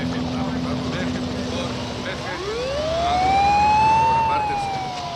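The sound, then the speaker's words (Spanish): Emergency sirens from police cars and fire engines outside a smoking gymnasium rise into a loud, swelling wail partway through, rising in pitch and then holding, over a busy, noisy background with indistinct voices. “Fuera del gimnasio humeante hay coches patrulla y bomberos.”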